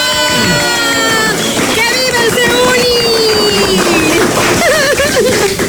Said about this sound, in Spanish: ¡Aplausos! ¡Oh, bravo!